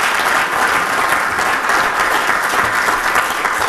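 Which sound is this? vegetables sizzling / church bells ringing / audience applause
audience applause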